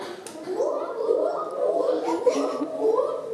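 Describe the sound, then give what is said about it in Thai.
Schoolchildren's voices mimic a gibbon call as "hoo hoo hoo", a steady run of wavering, rising-and-falling hoots that blend together at a fairly strong level, with no ordinary talking. “ชะนีร้องเสียงสายชะนีร้องว่าอะไรหูหูหูหูหูหูใช่ไหม”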